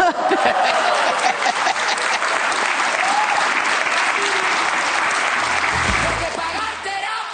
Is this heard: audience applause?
yes